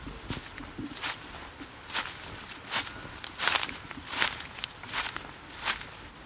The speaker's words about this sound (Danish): Så nu er parcelhusets have så også blevet renoveret. Og hvordan ser sådan en have så ud anno 2026? Prøv at lige gå ind i krattet.